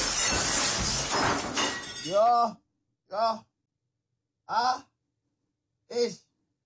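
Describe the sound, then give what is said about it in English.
A loud crash of a glass jar of pasta sauce shattering on a white tiled floor fills the first two seconds, followed by four short, evenly spaced groaning sighs from a voice. “I broke it. Just smash on the floor.”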